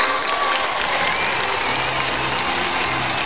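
Steady applause sound effect played by radio production, a dense, continuous clatter of many hands clapping at moderate loudness, with no voices standing out.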